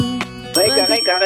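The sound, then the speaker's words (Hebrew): A loud, bright electronic game buzzer blares for most of a second, its rich tone wavering slightly in pitch, after a quieter low hum at the start. “רגע, אין רגע, זהו, היה באזר.”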